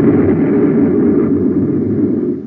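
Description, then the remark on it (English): An explosion sound effect: a loud, deep rumbling blast roars steadily for a couple of seconds, heavy in the low end, then begins to fade at the very end. No voices are heard. “But in just a second, you'll hear news that'll rock this planet like an explosion. Watch out. Here it comes.”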